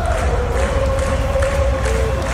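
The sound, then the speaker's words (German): A large arena crowd at an ice hockey World Championship match in Zurich sings together in one sustained, droning chant, loud and dense, with many voices blending into a continuous wall of sound that echoes through the arena. “Mehr als einmal hatte ich Hühnerhaut, wenn die ganze Arena zusammen singt während einem Match.”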